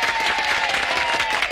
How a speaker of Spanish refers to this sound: ¡Que se oiga el aplauso! ¡Sí, señor!